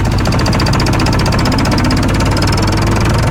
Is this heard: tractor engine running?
yes